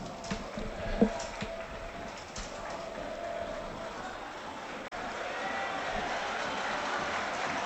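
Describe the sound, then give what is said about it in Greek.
A large stadium crowd of Panathinaikos fans applauds Panathinaikos player Taborda as he goes to the corner to warm up during a football match against a Swiss side, a dense, continuous wash of clapping and cheering that holds steady throughout, swelling slightly louder in the second half. “Ζεστό χειροκρότημα τώρα για τον Ταμπόρδα, αποθέωση.”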